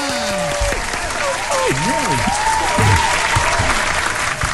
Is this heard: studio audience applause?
yes